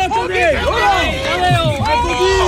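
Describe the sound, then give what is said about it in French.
A dense crowd of cycling fans chatters outdoors in front of the UAE team bus, many overlapping voices blending into a steady, loud hubbub with no single speaker standing out. “Et oui, il y a foule.”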